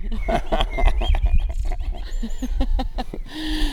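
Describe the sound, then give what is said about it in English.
A common blackbird sings short whistled phrases by a canal through a noisy, crowded background, its notes partly masked by people talking and a steady low rumble. “No, these are real regular blackbirds. Can you hear that one?”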